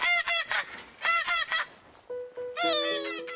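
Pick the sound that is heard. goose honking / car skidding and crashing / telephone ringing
goose honking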